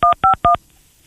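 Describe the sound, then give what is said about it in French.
Three quick touch-tone beeps as a person dials a phone number, each a short dual-pitched tone in an even rhythm, loud, followed by near silence. “fait son numéro, moi, là.”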